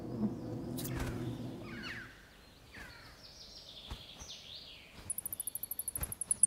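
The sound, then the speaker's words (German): Noctule bats on the ceiling of a roost calling defensively to warn off birds: scratchy, sweeping squeaks and a low buzzing hum give way to a rapid, even train of shrill, high chirps near the end, fairly loud, with no talking. “Und in dieser Unterkunft machen die Abendsegler an der Decke unmissverständlich klar, dass sie als Fledermäuse keine WG mit Vögeln wünschen.”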